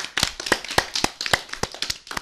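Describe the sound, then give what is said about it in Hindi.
A small audience at a children's program breaks into applause for a talk about mobile phone use, a quick patter of overlapping handclaps, sharp, lasting a couple of seconds with no voices. “तालियां हो जाएं।”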